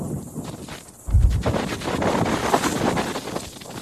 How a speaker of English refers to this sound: It's like you'll have moments of a punch of wind and then it'll stop and then we get another punch of it.